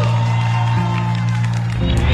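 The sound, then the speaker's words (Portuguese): A crowd cheering and applauding at the Encontro Gospel show, a loud, steady wash of clapping and whoops with a low sustained musical hum underneath throughout. “Uma salva de palmas”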